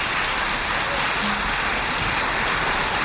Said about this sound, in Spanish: Lo estamos recibiendo con un fuerte aplauso a propietarios, trabajadores de la firma Carnicería San Miguel del Mercado de Abasto.